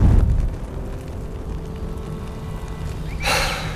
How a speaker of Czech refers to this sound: Pak oheň vybuchl s divokým hukotem. Vylétl sloup jisker.